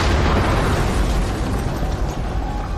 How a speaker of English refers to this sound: When Nathan got into his truck and started it, there was an explosion.